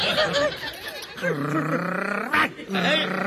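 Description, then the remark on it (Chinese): A man growls and snarls like an angry dog, pretending to bite another man, loud, in a few voiced bursts with a brief pause before a final drawn-out growl. “犬就是狗啊！ 哎，你是狗啊！”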